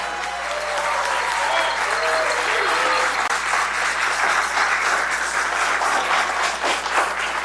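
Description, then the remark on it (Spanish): A crowd applauds steadily and loudly for several seconds, a dense, even wash of clapping, with a few voices calling out over it near the start. “Hoy en la mañana igual los bomberos así te los aplauden.”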